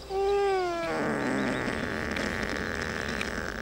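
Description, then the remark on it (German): A sedated ibex, held down by its head and horns for hoof trimming, gives a short, wavering, falling bleat, then a long, rough, raspy snoring breath that rumbles on steadily without any voices. “Ja, ich denke mal, das ist so eine Art Schnarchen, vielleicht auch noch ein bisschen was meckern, weil er noch nicht ganz weg ist.”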